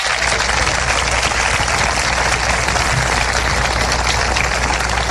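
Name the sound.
audience applauding loudly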